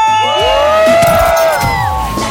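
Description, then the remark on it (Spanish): A group of people shout and cheer together loudly on the radio show El Circo on 97.1 La Que Buena, Mexico, their overlapping voices rising and falling in one sustained burst of whooping that lasts a couple of seconds. “Oigan, ayúdenme a gritar.”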